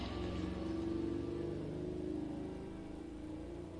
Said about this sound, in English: And of course, we have the natural AC going here. Doors and windows are open, so you will hear cars and motorcycles hiss by my window.